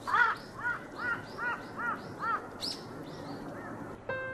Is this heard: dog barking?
no